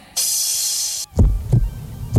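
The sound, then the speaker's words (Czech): A steady bright hiss runs for about a second, then cuts out and gives way to deep, booming heartbeat thumps, loud, pulsing in a slow rhythm with no voices. “A upřímně nám z toho buší srdce štěstím.”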